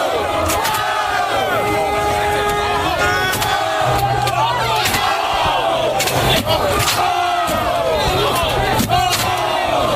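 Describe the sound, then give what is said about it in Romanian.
A dense, rowdy crowd of New York Knicks fans celebrating their NBA Finals win yells and whoops continuously in the streets of New York, with overlapping shouts and cheers, sharp bangs and clatters cutting through, and a steady low rumble of street noise underneath. “Sub ochii poliției, bucuria fanilor a degenerat în secvențe greu de explicat.”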